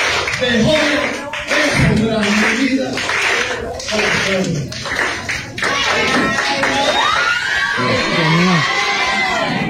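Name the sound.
students clapping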